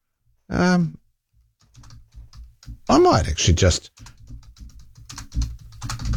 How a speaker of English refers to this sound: I'm just typing into my Google search, are straight jackets used these days?